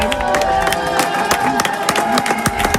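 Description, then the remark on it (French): A crowd outside after a court acquits young activists cheers and applauds the lawyers, with dense, irregular clapping and whooping voices rising over a steady wash of excited chatter, loud throughout. “Les avocats sont applaudis.”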